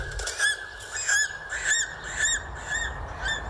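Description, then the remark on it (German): An eagle circling high over a mountain cries out in a steady series of about six shrill, piercing calls, each short and evenly spaced, fairly loud and clear with no voices. “So weit oben leben kaum noch Tiere. Nur der Adler zieht dort majestätisch seine Kreise.”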